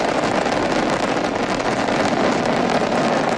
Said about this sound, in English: Ignition. And liftoff. Go Falcon, go Dragon, and go Crew 13. Carried by Dragon Brace to the International Space Station. Copy, 1 Alpha. Temperature pressures are normal. All 9 Merlin engines on the first stage at maximum thrust of 1.7 million pounds.